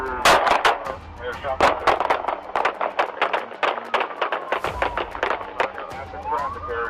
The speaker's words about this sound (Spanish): Buscando desesperado a una víctima, pero la policía lo acorrala. Y una vez más, se desata la balacera.